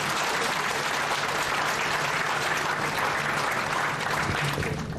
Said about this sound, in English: Thank you very much for that wonderful performance. Once again, let's give them the biggest round of applause.